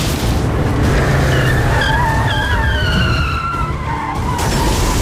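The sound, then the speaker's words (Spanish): After a tire blowout, car tires screech and skid loudly for several seconds, a wavering, rising squeal over a dense roar of engine and road noise, continuous throughout. “Reventón de una rueda.”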